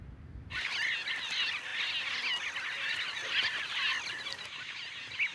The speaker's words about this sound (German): Für die Scharlachspinte sind die Steilufer perfekt. Die bunten Vögel gehören zur Familie der Bienenfresser und bilden riesige Kolonien.